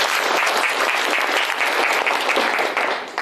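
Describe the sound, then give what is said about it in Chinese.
Students in a class on prefabricated building components clap steadily to welcome two construction workers. It is a dense, continuous patter of many hands, holding even loudness for a few seconds before tapering slightly at the end. “其实啊，在我们今天的课堂上呢，还有两位工友师傅共同来参与交流学习，大家掌声欢迎一下吧。”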